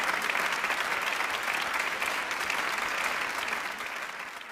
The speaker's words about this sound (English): Stand up so they can see you too. So good. Applaud his father.